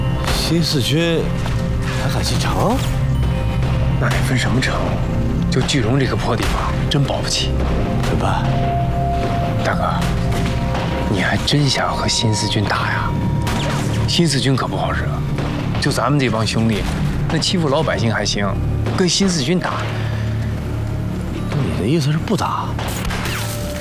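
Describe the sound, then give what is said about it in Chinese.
Rapid, sustained gunfire crackles in the middle of the night from the direction of the military police headquarters, with many sharp shots overlapping in an intense volley that runs throughout, mixed with indistinct background voices. “是枪声，好像是宪兵队那边。”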